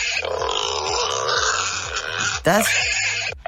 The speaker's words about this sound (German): Das ist... Das ist ein Wildschwein, oder? Ein größeres, ja.